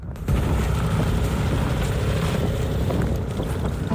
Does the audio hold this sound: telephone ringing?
no